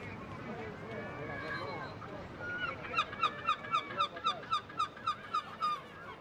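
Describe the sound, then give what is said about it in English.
Gulls call while feasting on the quays of the harbour at Essaouira, a Moroccan port on the Atlantic, building from faint, scattered cries over a murky background into a quick, rhythmic run of about a dozen loud, bright, honking squawks. “On the quays and the ramparts, oyster shuckers await clients, while the gulls feast nearby.”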